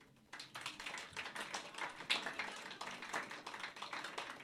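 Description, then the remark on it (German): A crowd gives a brief round of lukewarm, polite applause: a steady patter of many hands clapping for a few seconds, modest in volume, with no voices over it. The audience is giving a courtesy applause on request. “Ich meine, er hat sich ans Mikrofon getraut, hat sich Mühe gegeben, aber wie würde sich so ein Höflichkeitsapplaus von euch denn anhören? Lasst mal hören.”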